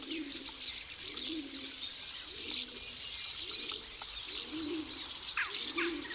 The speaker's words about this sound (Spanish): Arrullan las palomas bravías con su voz hueca como el arco de piedra.